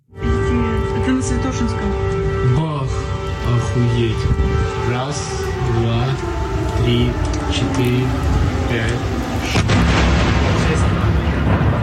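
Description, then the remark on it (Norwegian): An Iskander ballistic missile explosion in Kyiv, Ukraine, at night, one of eight missiles that struck, heard as heavy, sustained booming rumble, with several sharp blasts breaking through a dense roar of noise and voices underneath. “Smellet var fra 1 av 8 Iskander ballistiske missiler som traff.”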